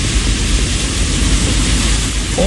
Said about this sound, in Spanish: Y claro, es muy intensa la lluvia que nos envía a esta hora Carles Javiera.